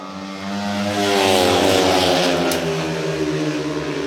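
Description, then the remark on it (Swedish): Speedway motorcycles roar around the track in heat 9 of a Swedish league match between Dackarna from Målilla and Lejonen, with Kravchik taking the lead, their engines forming a loud, continuous droning whine that swells slightly and holds steady throughout, with no one speaking. “Kravchik som kallas in idag tar täten.”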